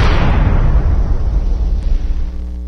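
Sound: explosion sound effect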